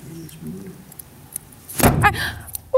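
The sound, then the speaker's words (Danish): Small scissors snip through a dog's hair, removing a little hair: a few light metallic clicks, then one sharper, louder snip, with faint low murmuring sounds before it. “Jeg fik fjernet en lille smule hår gennem.”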